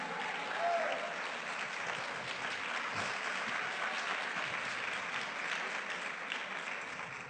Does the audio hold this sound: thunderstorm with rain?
no